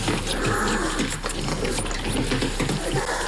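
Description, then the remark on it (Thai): Young, small bear cubs growl and grumble in a steady stream of rough, throaty noise, with a broad noisy background running throughout and no clear pauses. “ผมนึกว่าจะตัวใหญ่กว่านี้ผมเคยเจอหมีกริซลี่มาก่อนครับและพวกมันตัวใหญ่แต่เจ้าพวกนี้ตัวนิดเดียว”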